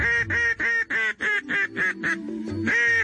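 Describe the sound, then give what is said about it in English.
A duck call, an artificial calling device for attracting ducks, blown in a rapid run of loud, nasal quacks, about eight sharp pulses in a steady rhythm, then a brief lower held note and a final quack, clear with no talking. “In the case of a duck call, you're really communicating with them when you blow these things.”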